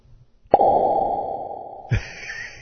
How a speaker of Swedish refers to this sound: Ska se här, jag tror till och med jag kan få en sån här, vad heter det, reverb-effekt på ploppen. Det finns ju så himla mycket knappar och grejer här på mixerbordet.